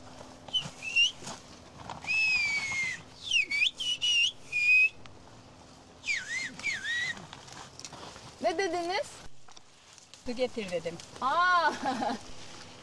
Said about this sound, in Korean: 그래서 위에서 이거 가져와달라고 말씀드렸더니 바로 가지고 오셨습니다. 일하다 말고 휴대전화를 꺼내 전화하는 것보다 훨씬 손쉽고 빠릅니다. 그래서 산비탈에서 일할 땐 휘파람 언어가 여전히 유용하게 쓰입니다.